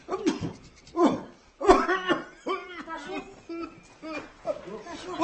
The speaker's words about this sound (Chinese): 大叔， 哎，昨不是都好点了吗？这又咳嗽上了。哦，您得忍着。